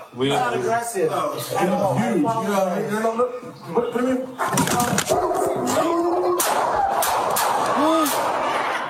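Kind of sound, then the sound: impact, gunshots fired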